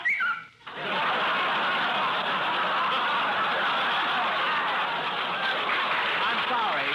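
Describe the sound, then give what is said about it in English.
A loud, shrill parrot squawking and cackling, voiced by a person imitating the bird, rises after a brief pause and carries on for about six seconds, harsh. “I'm sorry, Steve. That was my parrot.”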